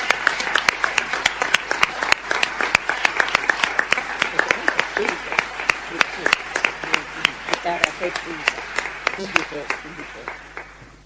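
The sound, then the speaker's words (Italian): A crowd at the De Santis Prize for human rights ceremony applauds the students whose works are exhibited in front of the Aula Magna, steadily for about eleven seconds, dense overlapping claps with sharper individual hits, tapering slightly at the end, with faint murmuring voices underneath. “Abbiamo tutti apprezzato molto le loro opere che sono esposte dinanzi all'Aula Magna e sono stati molto bravi e meritano un applauso.”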